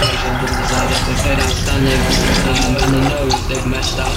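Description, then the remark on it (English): A man pours vodka steadily over ice into a glass for a very stiff vodka orange, a continuous gurgling splash lasting several seconds, with a faint murmur of voices in the background. “There's a moment in the film where I'm filming downstairs and you can hear on my dad's radio mic that he's pouring a very, very stiff vodka orange.”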